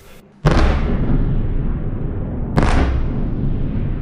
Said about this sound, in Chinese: 8号凌晨，基辅市再次响起多次强烈爆炸声。乌空军3:40至42在社交媒体发布多条预警信息称，俄军多枚弹道导弹正向基辅市方向飞来。